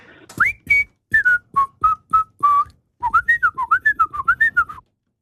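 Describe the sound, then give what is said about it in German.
A person deliberately whistles, not quite correctly, the melody of a late-1960s song that was a number-one hit in the Swiss charts: first several short separate notes, then a quicker run of rising and falling notes, loud with no talking. “Ich habe allerdings die Person, die pfeift, angehalten, möglichst nicht so korrekt zu pfeifen, wie sonst es einfach wäre, gell?”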